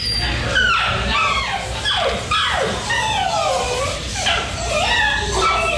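An elderly dog whines and whimpers in a steady run of high, wavering, sliding cries, fairly loud over a constant low hum, in a vet's waiting room while a man holds it like a baby and pays his bill.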